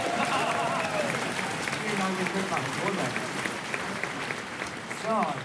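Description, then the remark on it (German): A concert audience applauds steadily, dense rapid clapping filling the whole stretch at an even loudness, with scattered voices and a few cheers rising through it. “Das Publikum war begeistert”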